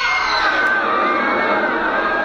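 A massive circus crowd of thousands roars and screams in terror in a sustained, dense wall of voices, high-pitched shrieks riding over the loud, steady din for the full two seconds.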